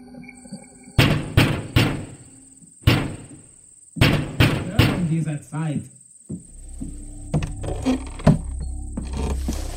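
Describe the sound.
Loud, close knocking on a door comes in several heavy, irregular bursts, followed by a brief voice and a low rumbling background.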